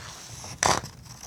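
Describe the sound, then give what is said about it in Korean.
A short, crisp burst of paper rustling from paper holding listeners' stories on a radio broadcast, one quick crinkly swish that rises sharply and fades within a fraction of a second against a quiet background. “종이 소리 정겨우신가요?”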